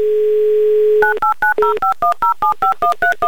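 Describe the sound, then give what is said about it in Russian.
A steady telephone dial tone hums for a second, then a quick, even run of about a dozen touch-tone keypad beeps as a number in the city of Ivanovo is dialed to call a contest participant, loud with no talking. “Давайте без лишних слов ей сейчас и наберем.”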